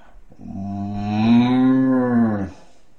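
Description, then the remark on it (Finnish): A person imitates a cow with a single long, low moo lasting about two seconds, swelling slightly in the middle before fading out, fairly loud with no other sounds around it. “Sitten tulee lehmä.”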